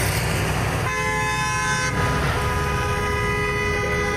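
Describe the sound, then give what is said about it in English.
Truck horns blare in long, overlapping blasts over a steady rumble of heavy engines as a protest convoy of about 200 independent rig welders in their trucks honks on the highway between Fort Saskatchewan, Sherwood Park and Leduc, loud and continuous throughout. “200 independent rig welders took to their trucks to the highway, calling for higher wages and better working conditions.”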